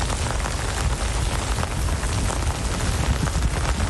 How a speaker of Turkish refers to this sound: İstanbullunun sağanakla sınavı zor oldu.